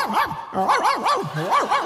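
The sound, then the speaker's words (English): A little scroungy dog running by yaps and yelps in quick bursts, several sharp rising-and-falling cries, fairly loud, with a brief pause partway through and no one talking. “A little scroungy dog ran by.”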